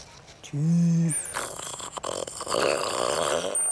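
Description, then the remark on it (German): A young stag named Harry, a little over two years old, tries a deep rutting bellow during the rutting season: a short, steady, mid-pitched moan, then a high squeak and a few seconds of raspy, breathy snorting grunts rather than a full roar. “Mit etwas über 2 Jahren spürt er zwar schon die Hormone, aber das laute Röhren ist noch nicht sein Ding.”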